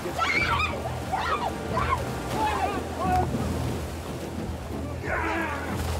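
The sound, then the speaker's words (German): Steady rushing surf and waves of the North Sea with gusty wind buffeting the microphone, while indistinct voices call out faintly over the water as a fight scene is filmed in the water. “Dieses Mal durfte ich mich halt prügeln in der Nordsee.”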